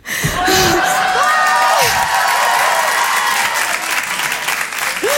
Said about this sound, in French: C'est un tout petit peu vexant vos applaudissements.